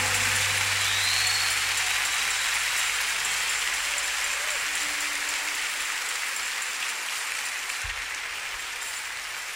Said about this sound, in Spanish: Yo creo que el Señor merece un aplauso más fuerte, hermano.